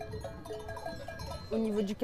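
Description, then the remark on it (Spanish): A transhumant flock of sheep with bells clinking steadily, and a loud bleat breaking out near the end over the ringing. “Uno tiene un desarrollo personal con las ovejas.”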